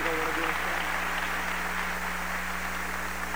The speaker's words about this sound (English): Let us give our brothers and sisters and our big brother Fidel Castro a warm round of applause. We love you, Cuba.